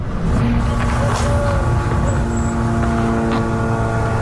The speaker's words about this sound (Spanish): Ese sonido que no sé si se puede apreciar, sí, pero son los drones israelíes.